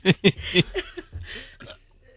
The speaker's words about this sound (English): what are you going to burp near the microphone?